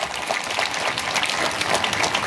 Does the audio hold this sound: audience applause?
yes